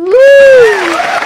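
A loud whooping cheer rises and falls over a brief burst of clapping, lasting about a second like a canned applause effect.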